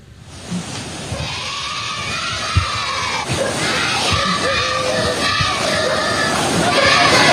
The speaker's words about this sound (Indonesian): Sebuah rekaman milik warga memperlihatkan sejumlah siswa dari SD Negeri Olfab di Timur Tengah Utara, Nusa Tenggara Timur menyorakkan yel-yel ayo maju-maju kepada sejumlah ASN.